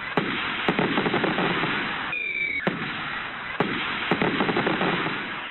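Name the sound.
fireworks exploding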